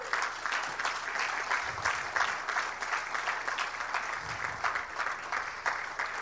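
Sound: audience applauding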